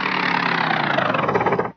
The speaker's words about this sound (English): start up the motor again and see if it'll still turn these propellers